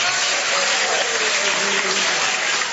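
A large church audience claps steadily and loudly in worship, a dense, continuous wash of hand claps with no pauses, while faint voices mingle beneath the applause.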